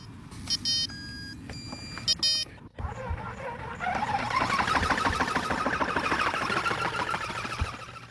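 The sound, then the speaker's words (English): A drone, its battery slotted in, powers up and connects to its controller: a few seconds of electronic start-up beeps and tones, then a buzzing whir of rotors that quickly swells and holds at a steady, loud pitch. “Okay, here's a bit of sound effects for you and a bit from the drone pilot.”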